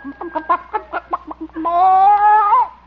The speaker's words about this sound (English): See, how about this nest? Oop. Hen's still sitting on it. Hello, Hortense. Any eggs today?